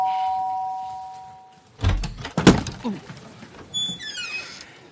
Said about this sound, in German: Es hat geklingelt.